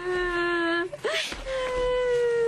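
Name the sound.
child crying and whimpering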